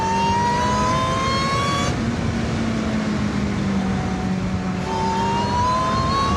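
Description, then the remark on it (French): A car accelerates hard from a standing start, its loud engine revving upward in rising pitch, with two quick gear changes breaking the climb before it winds up again. No one speaks. “Franchement, on a fait beaucoup de voitures ici. Il n'y en a pas beaucoup qui partent aussi fort au démarrage.”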